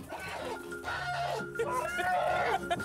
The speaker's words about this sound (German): Das ist unser Hahn